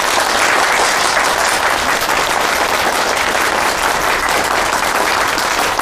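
A room full of people claps warmly and steadily, a dense, sustained patter of many hands close by that keeps an even loudness from start to finish.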